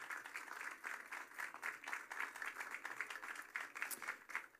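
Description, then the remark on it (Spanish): A crowd at an event in Puerto Rico applauds an orthopedic doctor steadily, many hands clapping in a dense, continuous patter that holds at a moderate level throughout, with no voices over it. “Un aplauso para él que está con nosotros.”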